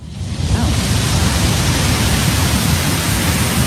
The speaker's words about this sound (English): Distant ocean waves. I can listen to that for the rest of my life.